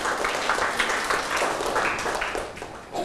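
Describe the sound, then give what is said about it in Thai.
A class of students claps for themselves after each group earns one point in a classroom activity: a dense, steady burst of applause, loud and continuous for a few seconds before tapering slightly at the end. “ตอนนี้ทุกกลุ่มมี1คะแนนสะสมไว้ปรบมือให้ตนเอง”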